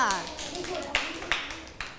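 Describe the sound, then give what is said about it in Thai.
Students in a classroom clap for a group of classmates (group 5): scattered hand claps, a few sharp louder ones standing out among softer patters, while voices murmur underneath and a speaking voice is heard at the start. “ถ้าอย่างนั้นปรบมือให้กับเพื่อนกลุ่ม5ด้วยค่ะ”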